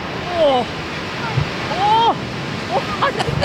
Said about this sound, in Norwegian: Det jo altså bare buldrende vannmasser som bare velver seg nedover fjellsiden her.